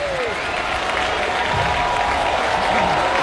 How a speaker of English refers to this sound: Here comes the crowd. They're behind Garcia.